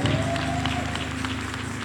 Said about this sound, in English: Thank y'all so much, committee. Can y'all help me clap for the committee? You did a wonderful job.